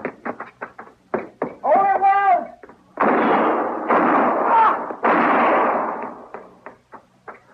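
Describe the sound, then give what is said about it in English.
A rapid volley of sharp gunshots in a shootout cracks out in quick succession, broken by a brief whining tone and several longer, harsh bursts of noise, before more scattered shots trail off. “You were close, but he missed me. Well, you two didn't miss him.”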